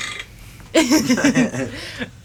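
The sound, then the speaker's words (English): A single long, loud burp rumbles, its pitch wobbling and croaking for over a second before it cuts off, with only faint background hiss around it. “Burping and farting. Burping.”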